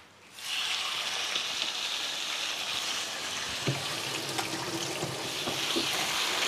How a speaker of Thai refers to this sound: จะเอาไก่ลงไปลวนก่อนค่ะเพราะว่าชิ้นมันใหญ่ก็เอาลงกระทะได้เลย